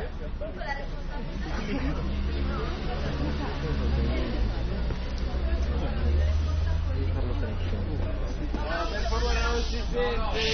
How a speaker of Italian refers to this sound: Siamo in assemblea, c'è un sacco di gente, sai?